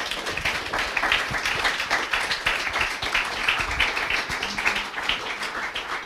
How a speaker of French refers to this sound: On peut applaudir, oui.